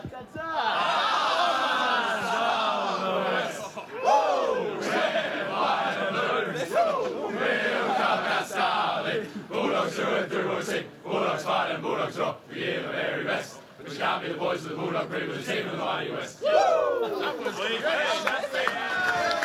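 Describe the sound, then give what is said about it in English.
A group of football players loudly chants their club song together after defeating Richmond, in a rowdy, continuous chorus, with shouts and some scattered polite applause mixed in. “So there you go, and polite rounds of applause.”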